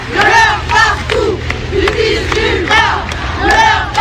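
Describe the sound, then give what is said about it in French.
Hundreds of protesters in France, gathered despite the rain, chant slogans together in loud, rhythmic bursts, voices rising and falling in a steady cadence over a continuous low rumble. “Des centaines de manifestants présents malgré la pluie avec leurs slogans, leurs pancartes”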